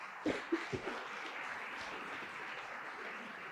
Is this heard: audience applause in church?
yes